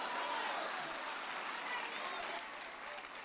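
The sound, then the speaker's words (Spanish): An audience applauds God the Father during a sermon, a dense wash of many hands clapping steadily at an even, moderate loudness throughout, tapering slightly toward the end. “Un aplauso al Padre.”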